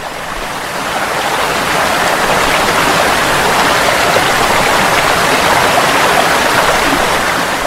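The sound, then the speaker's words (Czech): A waterfall below a town on a hill roars with steady, dense rushing water. It swells up over the first second, then holds a loud, unbroken hiss and churn with no voices. “Grad gore na brijegu, kao kakav oklopnik, a vodopad dolje, kao vijenac od bijela cvijeća, a za slavu oklopnika.”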